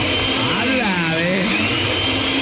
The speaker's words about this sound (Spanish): a ver, para saber que estaba en la casa, prende la licuadora.